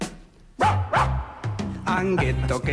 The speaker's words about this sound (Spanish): Pero miren cómo ladraban esto, una maravilla.